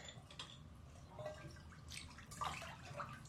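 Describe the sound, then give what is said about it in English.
Warm water sloshes and drips in a bathtub, with soft splashes and a few bright droplet plinks over a low, steady wash, in a reverberant tiled space. “The water is warm.”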